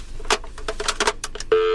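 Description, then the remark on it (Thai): A quick run of short electronic telephone dialing tones as a radio show's call-in phone line is tested, several bursts in uneven rhythm, then a steady tone starts at the end; moderately loud, no talking. “ระบบเปิดรับ ระบบแบบเปิดแบบยิงตรงเลยนะคุณผู้ฟังครับขอหนึ่งสายหน้าไมค์นะครับ”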